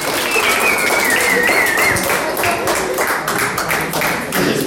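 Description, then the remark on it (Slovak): A crowd applauds steadily and loudly for several seconds for a first-place winner, a dense wash of overlapping claps with a faint high whistle or cheer drifting over it. “Takže ešte jeden potlesk, prvé miesto.”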